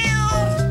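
A single short cat meow, close and clear, with a drawn-out, slightly whiny tone and no other sounds around it.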